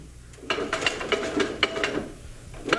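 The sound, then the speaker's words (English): An old, second-hand mechanical printing press, just repaired after being badly broken down, runs with a steady stream of sharp clicks and clacks, its ratcheting gears rattling at a brisk, slightly uneven rhythm. “Mr. Ward. I see you finally got it running. Hmm? Oh, hello, Mr. Carey. Yes, it's clicking away, for the moment at least.”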